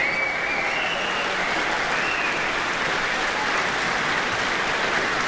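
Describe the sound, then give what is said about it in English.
A concert audience in New Zealand applauds loudly and steadily for about five seconds as conductor Pietari Inkinen and the soloist return to the stage for another bow, a dense wash of clapping with a brief high whistle near the start and fans whistling and shouting mixed in. “All those fans whistling and shouting.”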